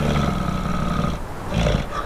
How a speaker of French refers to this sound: Oh, on n'entend pas grand-chose à part les rafales d'un vent glacial et quelques vaguelettes de l'océan Atlantique. J'entends le souffle lourd et caverneux d'une très grosse bestiole qui résiste aux températures extrêmes du Grand Nord canadien.